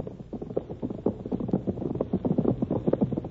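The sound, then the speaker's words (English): Hooves of several horses, ridden by Bart Benson and Butch in pursuit across the plains, pound in a fast, steady gallop, a dense rhythmic drumming over a low rumble, consistently loud throughout, with no voices. “Behind her thundered the horses of Bart Benson and Butch.”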